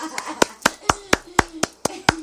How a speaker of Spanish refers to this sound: Quiero que me le den un fuerte aplauso